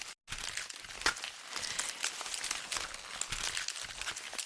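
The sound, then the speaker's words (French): Banana leaves, used by a musician working with concrete sounds, crackle and rustle in a dense, continuous crinkling texture, with sharper snaps scattered throughout after a brief pause at the start. No voices. “Ce bruit, lui-même crépitant et savoureux, est celui des feuilles du bananier.”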